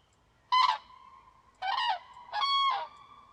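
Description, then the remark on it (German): Three loud, rolling trumpet-like calls of a common crane ring out one after another, the last drawn out longest, with a faint steady tone lingering between them and no voices. “Und sie haben natürlich auch ganz charakteristische Rufe, so eine Art Trompeten, das man auch oft hört, wenn der Vogel eigentlich fliegt.”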